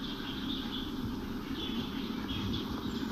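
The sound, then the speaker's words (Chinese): Birds chirp in short, repeated calls in the morning over a steady, hissy outdoor ambience, the tweets fairly soft and spread across a few seconds with no one talking. “一天早晨，孟浩然被一阵阵鸟鸣声吵醒”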